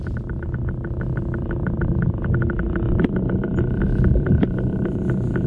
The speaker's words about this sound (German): Also, so klingt ein Oktopus, wenn er sich auf dem Meeresboden bewegt.